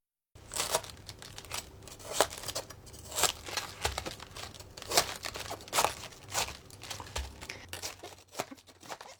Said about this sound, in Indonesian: Untuk membuang bagian pangkal, balikan kol, gunakan pisau untuk memotong bagian tengahnya yang keras. Ini akan memudahkan melepaskan daun-daunnya nanti.